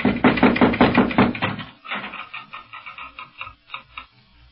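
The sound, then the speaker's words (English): Knocking on the door of a house on a Moorish street in Morocco: a quick, steady run of about eight loud knocks, then a few fainter, scattered taps trailing off. No one speaks. “No, but here, let me knock.”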